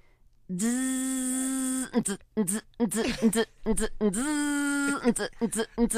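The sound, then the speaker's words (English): A voice imitates a printer printing: two long, steady buzzing drones, each followed by a run of short, choppy vocal bursts. The sounds are fairly loud, with no real talking. “a printer printing”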